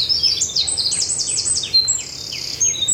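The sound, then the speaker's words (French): Garden birdsong of wrens, warblers, tits and blackbirds near apple trees on a clear morning, several birds chirping and trilling at once, bright overlapping high-pitched calls filling the air over a low background rumble of car traffic. “Ah, les troglodytes, les fauvettes. Les mésanges. Voilà, et les merlettes, les merles qui viennent gratter un peu partout.”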